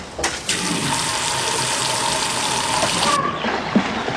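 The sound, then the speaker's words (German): Water gushes steadily into an inflated paddling pool in a garden for about three seconds, a loud, hissing pour that stops abruptly, followed by a small splash. “Nun steht es aufgeblasen und mit Wasser gefüllt im Garten.”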